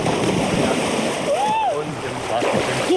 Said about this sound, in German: Und wir machen das jetzt, was Jungs machen, wenn sie im Freibad sind. Wir schubsen jemanden ins Wasser.